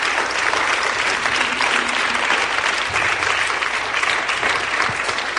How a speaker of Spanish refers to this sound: Están aplaudiendo por el Señor, ¿verdad? Amén. Pues entonces aplauda más fuerte.